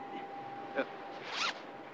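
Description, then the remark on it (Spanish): A short zipper rasp as a zipper is pulled down, a quick pull lasting about a quarter second, following a brief click, over a quiet hum. “¿Quiere bajarme la cremallera, por favor?”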